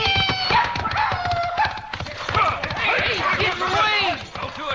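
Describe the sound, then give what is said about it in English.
Rapid, pounding hoofbeats of horses at full gallop, including the judge's horse, drum steadily throughout, loud, with excited voices shouting over the thundering rhythm. “Ride for your life! I'll shoot him down. No, don't shoot. Can't risk killing the judge's horse.”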